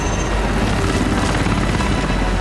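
helicopter in flight

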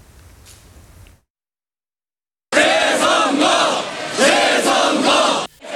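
protest crowd chanting slogans

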